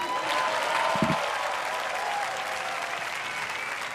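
Sustained applause from a large audience at the end of the Liceu Simfònic Música per Tothom concert on the beach, after conductor Josep Pons has the orchestra stand. A dense, steady wash of clapping at an even, fairly loud level throughout, with no one speaking over it.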